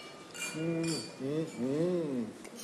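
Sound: wine glasses clinking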